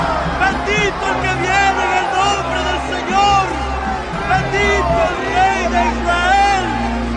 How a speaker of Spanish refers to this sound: Al día siguiente, muchos de los que habían ido a la fiesta se enteraron de que Jesús se dirigía a Jerusalén. Tomaron ramas de palma y salieron a recibirlo, gritando a voz en cuello: ¡Hosanna!